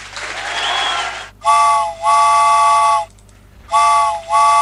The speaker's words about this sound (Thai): เอาละค่ะคุณผู้ฟังค่ะตอนนี้เนี่ยใครที่กำลังรอคอยรถไฟกันอยู่นะคะรถไฟมาแล้วค่ะ